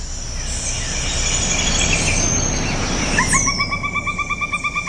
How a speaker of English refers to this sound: One more honorable mention, number 13, the pileated woodpecker.